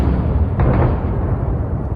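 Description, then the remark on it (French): A suicide drone strike explosion in Ukraine that set off a fire: a deep, muffled blast with a sharper burst early on, followed by a heavy, continuous low rumble that stays loud to the end. No voices. “Vous l'entendez sur cet enregistrement, les autorités déplorent une victime brûlée vive dans un incendie déclenché par un drone suicide.”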